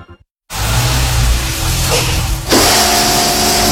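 A brief silence gives way to a loud, dense electronic whoosh with a low buzzing hum, shifting character midway into a steadier tonal drone. It works as a short synthetic signal, with no voices, marking that AI tools were used to prepare the program.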